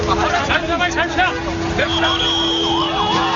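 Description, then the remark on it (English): A bus draws near through a noisy street protest in India, where protesters are being loaded onto buses, with a steady siren wail and an engine hum beneath a crowd of overlapping voices, loud throughout. “Every few minutes, someone was being loaded into a bus. Watch out, there's another one coming.”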